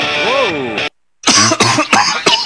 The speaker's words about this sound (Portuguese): Caramba, meu, fica bem, vai um xaropinho para essa tosse aí, ó.